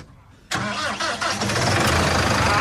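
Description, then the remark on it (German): A large diesel tractor engine cranks and catches abruptly, then settles into a loud, steady, rumbling idle, with no voices present. “Und wir wollen es auch erstmal hören. So klingt so eine fette Maschine.”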